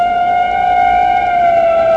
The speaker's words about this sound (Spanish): El ruido de la sirena de una patrulla rompió aquel silencio expectante. El extraño hombrecillo se detuvo con gesto sorprendido. Era como si la sirena de la patrulla perturbara sus sentidos.